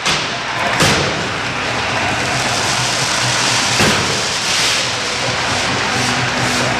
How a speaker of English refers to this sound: Here come the fireworks as well.